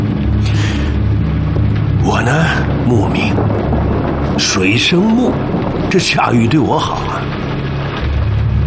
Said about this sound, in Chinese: 下雨了，当心啊